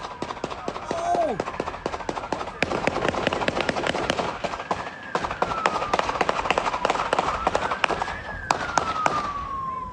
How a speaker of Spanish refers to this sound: Las imágenes captan la persecución hasta que la camioneta del hombre se estrella contra una motocicleta policial desocupada, seguida por una ráfaga de disparos.